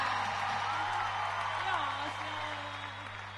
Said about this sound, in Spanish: Aplauso fuerte